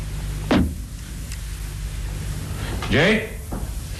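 A sharp rattle of a cabin door handle, then after a pause the unlocked door creaks open with a rising, groaning squeak, over a low steady hum.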